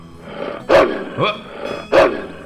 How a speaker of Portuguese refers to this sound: Uma cachorrada. Tem uns cachorros aqui que chega a dar medo.